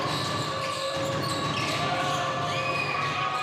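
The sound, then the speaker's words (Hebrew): During a basketball game, Brooks dribbles the basketball alone in a quick, steady rhythm of soft thuds, partly buried under a loud, continuous crowd roar with some high whistling tones. “ברוקס, אין לו את מי לשחרר קדימה, אז הוא מקפיץ לבד.”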